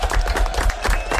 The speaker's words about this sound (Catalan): Molt bé, fort aplaudiment.